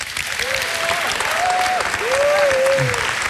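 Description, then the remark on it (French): Steady, dense applause from an audience fills the whole stretch, with a few rising and falling vocal whoops or whistles sounding over the clapping. “On peut applaudir”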